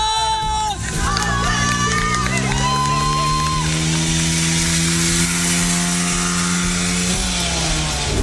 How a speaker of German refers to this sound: Kandidat Nummer 5, Jochen auf dem Mofa. Jetzt wird's interessant.